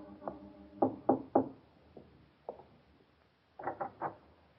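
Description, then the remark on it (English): Firm knocking by a young woman on the door of an artist's fourth-floor studio in Greenwich Village, New York, on a spring evening, in uneven bursts: a cluster of three solid raps, a few lighter isolated taps, then another quick set of three, fairly loud with no voices. “In the early evening of a bright spring day, a young lady climbed the 4 flights of stairs to the studio of a famous young artist in Greenwich Village and knocked.”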